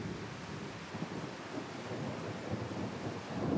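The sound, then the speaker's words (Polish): A heavy downpour roars steadily over a valley, a dense wash of rain falling like a wall, with a low rumble of thunder rolling underneath, swelling slightly toward the end. No voices. “Nad doliną otwiera się niebo. Deszcz spada jak ściana.”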